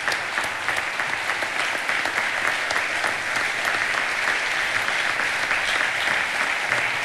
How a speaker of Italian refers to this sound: Questo applauso lungo qualcosa significa, grazie.